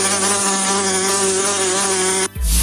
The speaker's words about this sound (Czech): Před každým napitím se raději podívejme do plechovky anebo do sklenice, jestli tam není nezvaný okřídlený návštěvník s žihadlem.